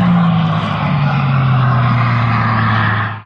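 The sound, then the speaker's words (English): The loud roar of a hydrogen-powered record car, driven by Andy Green, racing past across the salt flats in Utah at up to 406 miles per hour. Its engine drone slides steadily lower in pitch as it goes by, then cuts off abruptly. No one speaks. “Blazing across the salt flats in Utah, Andy Green, a retired Royal Air Force pilot, reached a top speed of 406 miles per hour yesterday in a hydrogen-powered car.”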